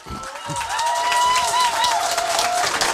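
Steady audience applause, dense and continuous, with a few cheers or whistles rising above the clapping throughout.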